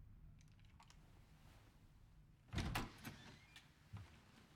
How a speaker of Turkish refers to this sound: Aç kapıyı.